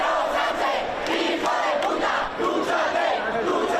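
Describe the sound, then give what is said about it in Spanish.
A large crowd of far-right protesters shouts insults at the government, migrants, the press and participants in the Puerta del Sol, Madrid, in loud, overlapping bursts, with angry voices rising and falling continuously and no pause for the whole stretch. “no se refería exactamente a los gritos que hemos escuchado”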